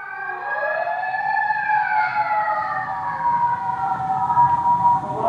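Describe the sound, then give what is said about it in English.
A wailing emergency siren sweeps up and down in pitch over steady traffic rumble, staying loud for several seconds as it passes along a busy street. “I'm staying on a very busy street for sirens.”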